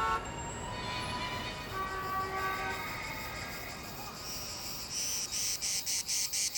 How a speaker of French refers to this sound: Ouais, c'est l'été, les cigales chantent, à condition qu'il y ait des cigales à Los Angeles, bien sûr.